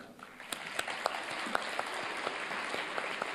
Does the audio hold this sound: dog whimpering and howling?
no